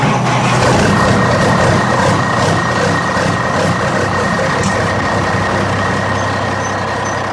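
A large truck engine idles, a steady, loud diesel rumble with a constant low hum that holds unchanged for the whole stretch, with no voices.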